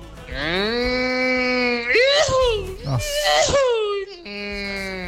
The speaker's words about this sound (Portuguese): Segura o buzinaço do Sérgio do Pão na casa do caminhoneiro, piloto de Scania.